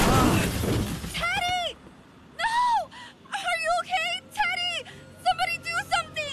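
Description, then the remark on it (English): A loud, sudden crash as a car hits a young cyclist, his brand new helmet smashing and cracking open, fading within about a second, followed by his repeated pained wails and moaning cries rising and falling in pitch. “Was this young man hit by a car? Yes, and I'm concerned because his helmet is smashed and cracked open.”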